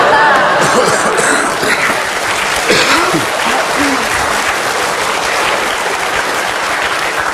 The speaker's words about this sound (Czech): Měli 4 potlesky na otevřené scéně.